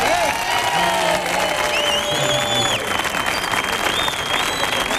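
An audience applauds steadily, a dense wash of clapping that stays loud for the whole stretch, with a few whistles and cheers rising above it.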